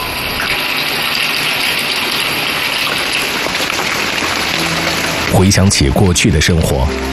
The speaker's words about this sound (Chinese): 用上自来水，洗个热水澡。如今生活的日常对于几年前的村民来说却是件奢侈事儿。